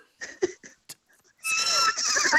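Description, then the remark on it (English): A person imitates a horse's neigh: a few short breathy bursts, then a loud, sustained, high-pitched whinny that wavers and trembles for about a second, alone. “give us your best neigh.”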